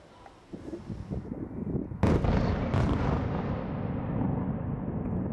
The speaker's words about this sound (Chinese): 乌克兰空军20号零时许在社交媒体发文警告，多枚弹道导弹正从切尔尼戈夫州和波尔塔瓦州飞向首都基辅方向。之后，基辅市响起防空警报及多次强烈爆炸声